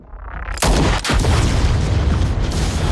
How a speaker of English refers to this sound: He crashes through the railings, leaps from the ambulance, and shoots at the canister inside, making it explode.